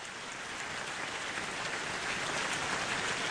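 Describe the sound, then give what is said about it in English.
Thin, scattered applause: a steady wash of soft, crackling claps with no distinct rhythm, fairly faint throughout and swelling slightly toward the end, with no voices. “That's kind of a weak applause.”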